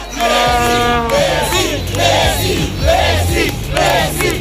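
Hundreds of football fans crowd the streets of the city centre in Argentina, gathered at the Monumen Obelix, singing a birthday song in tribute to Lionel Messi during the World Cup: a loud, rhythmic chant, voices rising and falling in repeated phrases, with a steady low rumble underneath and no separate speech.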